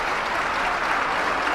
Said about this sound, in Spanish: Y ovación de gala para Seri Maestre.